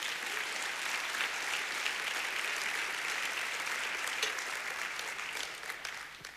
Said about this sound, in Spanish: Dele palmas al Señor por eso.